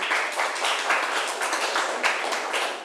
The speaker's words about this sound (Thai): เก่งมากค่ะปรบมือให้เพื่อนหน่อยค่ะ